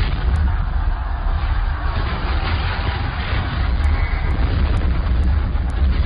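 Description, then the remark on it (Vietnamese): Distant cannon fire rolls on continuously as a deep, steady rumble, with no single blast standing out from the low, muffled roar. “Mở sáng hôm sau, khi nghe tiếng đại bác liên tục nổ từ xa, Mặc Tử Sinh đã tràn đầy hy vọng là sẽ có tin chiến thắng,”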